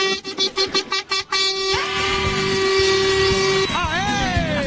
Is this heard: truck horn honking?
yes